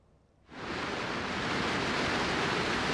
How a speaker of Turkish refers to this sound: Ne mutlu ki karlar eriyince istenilen yağmurun da gelmesi sonrası Elazığ'da baraj kapakları açıldı ve Keban Barajı'nda 7 yıl sonra ilk kez tüm kapaklar açıldı ve su salındı.